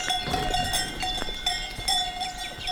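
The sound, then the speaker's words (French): Several cowbells clang irregularly from a herd of Gascon cattle in the valleys of the Pyrenean foothills, their metallic tones overlapping and ringing out with no voices, over a soft patter of light rain and a steady soft outdoor background. “Vous marchez accompagné par les sonailles, les vaches gasconnes.”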